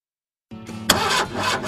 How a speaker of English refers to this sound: Is your vehicle starting slow? It might be your battery.